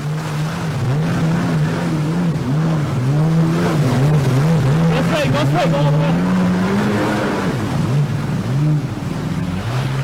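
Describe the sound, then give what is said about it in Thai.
Several voices of a film crew, including foreigners standing in water, cheer and whoop in English, their excited shouts rising and falling continuously over a steady, loud rumble like an engine and churning water, as a car drifts back and forth on New Phetchaburi Road in Bangkok. “แล้วก็จะมีเสียงเพื่อนเชียร์เนี่ยค่ะ nice”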